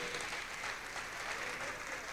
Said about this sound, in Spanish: ¿Cuántos estamos listos? Denle fuerte ese aplauso al Señor esta noche.